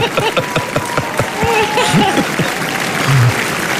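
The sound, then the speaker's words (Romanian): A large audience at Cannes applauds Cristian Mungiu steadily in an ovation lasting over 10 minutes, dense overlapping clapping at a constant loud level, with faint crowd voices mixed into the roar. “Atât au durat aplauzele, peste 10 minute la Cannes, da, da?”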